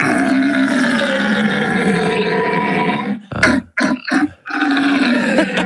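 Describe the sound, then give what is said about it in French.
A man imitates the rutting bellow (brame) of a red deer stag: a long, loud, deep groaning roar, then a few short grunting bursts, then another drawn-out bellow. “merci de cette imitation du brame du cerf, notre Alsacien presque parfait,”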